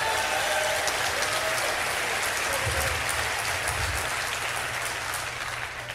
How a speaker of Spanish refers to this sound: Oh, no, no, no. Si le vas a dar un aplauso, dáselo fuerte.